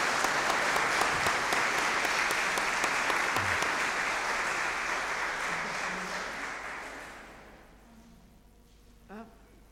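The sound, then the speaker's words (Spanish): A crowd at a community gathering in Litueche applauds visiting guests steadily with dense, hissing clapping that holds strong for several seconds, then tapers off and fades out, leaving a brief murmur of voices at the end. “Así que un aplauso para ellos y dale las gracias.”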